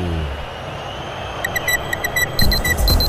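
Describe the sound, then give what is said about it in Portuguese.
A quick series of short, bright electronic beeps in a steady rhythm, the Band News FM radio clock time signal marking 40 minutes of the second half of Corinthians vs Santos at the Arena in Itaquera, Campeonato Brasileiro, fairly clear over a low background rumble. “Jogo parado nesse momento para atendimento ao jogador do Corinthians, relógio da Band News FM, marca, você confere, 40 minutos, etapa final.”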